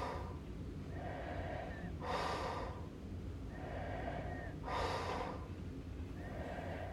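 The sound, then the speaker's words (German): Soft, borderline snoring: slow rhythmic breaths, each with a faint droning tone followed by a breathy hiss, repeating about every two to three seconds, fairly quiet and with no talking. “Dies ist ein Grenzfall von Schnarchen, denn das vollklingende, im Schlaf erzeugte Schnorcheln, Krächzen, Schaben oder Würgen ist hier sehr schlecht ausgeprägt.”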